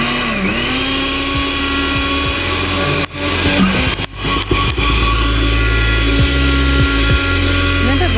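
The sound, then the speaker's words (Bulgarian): A blender motor runs with a loud, steady droning whine and strong low hum, cutting out briefly twice midway before resuming, its pitch shifting slightly as if labouring against a jammed load. “Не, аз се чудя дали може би да не е заседнало и да не върти.”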